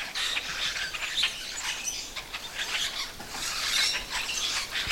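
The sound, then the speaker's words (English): A flock of about half a dozen to a dozen blackbirds chatters continuously, overlapping squeaky, creaking calls like a rusty hinge, steady, with no one speaking. “But they also make what I call a rusty hinge sound, sort of, which a lot of the blackbirds do.”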